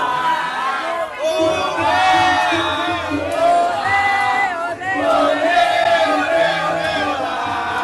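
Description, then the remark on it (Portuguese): A crowd of supporters, some of whom have just voted, cheers and shouts continuously on election day in the Passagem neighbourhood of Cabo Frio, many voices layered into loud, sustained whoops and yells with rising and falling pitch, the noise swelling in waves throughout. “O pessoal tá na torcida, confiança. Que alegria! Que confiança!”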